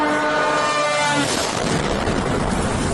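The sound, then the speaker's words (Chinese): A loud, droning engine buzz with a steady humming pitch, which after about a second gives way to a harsh, rushing roar as a Russian attack drone sweeps overhead through the night sky over Kropyvnytskyi, Kirovohrad region, central Ukraine, during a large drone attack on the night of October 14. “夜空中，一架无人机呼啸而来。”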